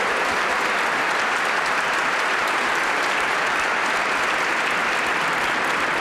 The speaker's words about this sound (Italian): Lo prolunghiamo un po' l'applauso, visto che è l'ultima performance che ogni corale fa ogni sera.